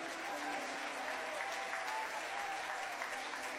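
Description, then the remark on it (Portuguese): An audience at a worship service claps steadily and loudly in praise of the Lord, a dense wash of many hands without pause, with faint voices mixed beneath the applause. “Podem aplaudir ao Senhor.”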